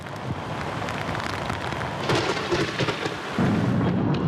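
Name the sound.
rain falling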